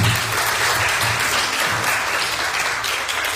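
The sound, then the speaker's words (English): A church audience breaks into sustained applause, many hands clapping in a dense, steady wash of sound that stays loud throughout, with a faint low murmur beneath it. “Let's give a good round of applause.”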